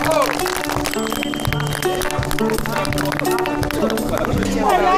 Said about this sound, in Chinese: 太好了，太好了，鼓掌。